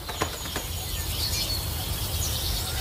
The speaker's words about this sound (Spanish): Esta zona está llena de aves polinizadoras y a estas les atrae el rojo, el púrpura y el naranja. Vemos cómo esta flor se ha adaptado al pico de nuestras aves nectarívoras, que se asemejan a los colibríes del Nuevo Mundo.